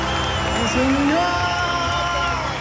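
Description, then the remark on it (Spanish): An audience at the Fonda Ñuñoa Corazón de Chile during Fiestas Patrias celebrations applauds and cheers steadily throughout, a dense, even roar of clapping and voices, with one rising whoop cutting through near the middle. “Un aplauso para ustedes, chiquillos.”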